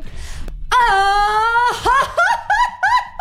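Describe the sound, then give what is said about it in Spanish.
A loud mariachi grito shouted in a quick grito contest: one long, high, sustained wail breaking into a quick run of rising, yipping whoops that sound almost like laughter, with no other talking. “vamos a hacer un concurso rápido de gritos de mariachi”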